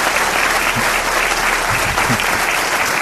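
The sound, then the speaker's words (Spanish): Steady, dense clapping from a programme's audience welcoming returning guest Aldo Linares fills the whole stretch, a loud continuous wash of applause with no talking over it. “Aldo Linares, sufrido un aplauso para él.”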